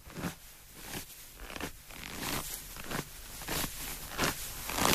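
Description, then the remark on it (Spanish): Foley footsteps crunching through snow, around seven or eight crisp steps at a steady walking pace, each a short gritty crunch, with no voices. “A ver si adivinas las pisadas reales en la nieve y su foley.”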